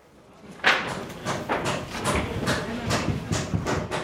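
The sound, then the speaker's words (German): Repeated hammer blows ring out in an uneven, steady rhythm, roughly two or three sharp knocks per second, with a faint rasp of work noise between strikes, as dozens of civil protection workers hammer and saw on the Dormition Cathedral, building a provisional wooden roof truss. “Dutzende Mitarbeiter des Katastrophenschutzes arbeiten auf der Mariä-Entschlafenskathedrale, hämmern und sägen.”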